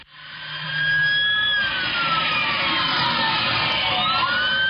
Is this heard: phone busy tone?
no